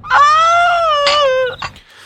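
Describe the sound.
A loud, drawn-out wailing cry with a wavering pitch, broken by a brief catch and ending in a short sob, theatrical and exaggerated like a person mock-weeping.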